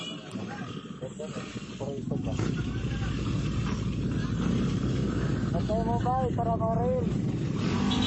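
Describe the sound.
Steady roar of motorcycle engines from a busy road, growing louder after the first couple of seconds and continuing, with some rising engine whines and people talking in the mix.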